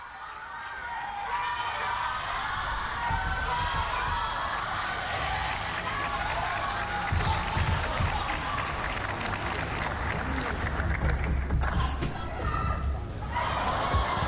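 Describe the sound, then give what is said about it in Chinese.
An arena audience shouting at a table tennis match between Wang Manyu and Hina Hayata: a dense, steady roar of many overlapping voices that swells slightly partway through and stays loud for the whole stretch. “现场观众是在喊什么？”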